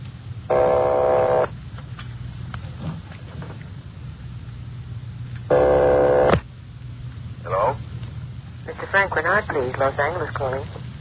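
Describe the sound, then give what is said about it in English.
Two loud buzzing telephone rings come through the line about four seconds apart over a steady low hum, followed by brief muffled voices, as a call from Los Angeles rings a number in Napa. “Keep ringing, 761. They're ringing the number, Sergeant.”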